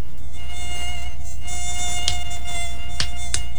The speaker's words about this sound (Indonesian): Ah, nyamuk ini sungguh mengganggu. Ah, nyamuk.